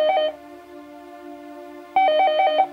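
Telephone tones before a call at the opening of a pop song: a steady electronic tone sounds throughout, broken by two loud bursts of rapid warbling beeps at the start and near the end. No one speaks.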